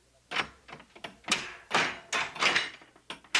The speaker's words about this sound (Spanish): Paje, abre la puerta de la casa de mis tesoros.